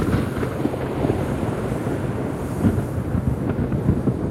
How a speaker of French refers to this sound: Là, ce que t'entends, c'est les coups de foudre. Le son en lui-même, s'il est extrêmement sec et bref, c'est que c'était un coup de foudre extrêmement puissant et proche.